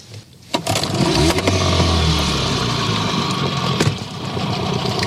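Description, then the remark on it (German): A boat motor starts and runs steadily as the boat reverses a little to free a snagged eel trap, a low droning hum with a brief clatter at the start and a slight dip in pitch partway through. “Also die Reuse hängt fest, Motor an und ein bisschen rückwärts fahren.”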